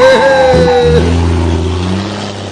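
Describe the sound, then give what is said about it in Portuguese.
A big truck engine revs loudly as the truck puffs out a little smoke, its deep, steady rumble holding strong for a couple of seconds, with a brief higher-pitched whine at the start that cuts off. “Eita, caminhãozão, sai fumacinha.”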